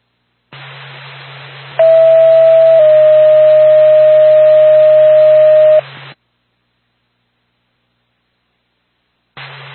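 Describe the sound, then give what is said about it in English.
A loud, steady electronic telephone tone sounds over radio static hiss on an ambulance dispatch radio channel, Norfolk dispatch alerting the Lancaster ambulance, stepping slightly in pitch once and holding for about four seconds before cutting off to silence, with a brief burst of static at the end. “Norfolk to Lancaster ambulance, standby for phone.”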